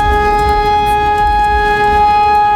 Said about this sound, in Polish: Wrocław został postawiony dzisiaj na nogi, między innymi już dwa razy, i z mieszkańcami rozmawiała o tych syrenach nasza reporterka